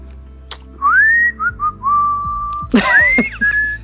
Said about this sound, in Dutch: En dan nu fluitend het weekend in